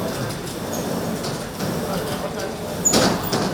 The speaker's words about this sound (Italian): Questo è il terremoto che colpì l'Aquila alle 3:32 di notte del 6 aprile 2009 e qui veramente si percepisse questo movimento, questo spostamento molto violento che hanno subito gli edifici.